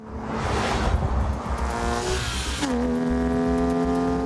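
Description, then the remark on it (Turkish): A 911 car's engine drones steadily while driving as each gear of the transmission is tried, its pitch climbing, dropping abruptly around a gear change, then rising again in a strong, sustained hum with road noise underneath. No one speaks. “Şanzımandaki bütün vitesleri denedim ve her biri sorunsuz çalışıyor. Mükemmel bir araba.”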